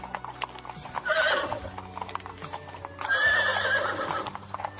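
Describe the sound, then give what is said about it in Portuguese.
Horses ridden alongside carriages on a long road trot with a steady clip-clop of hooves while two loud whinnies rise over the rhythm, the first around a second in and a longer one near the end. “E ele foi viajando nesta longa estrada, e muitos servos o acompanharam em outras carruagens e galopando a seu lado nos seus lindos cavalos.”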